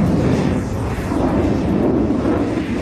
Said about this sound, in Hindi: और अब शुरू हुआ लड़ाकू विमानों के बीच आमने सामने का भीषण युद्ध। एक ओर 6 शक्तिशाली सेबर जेट विमान थे और दूसरी ओर फ्लाइंग ऑफिसर सेखो का इकलौता नेट विमान।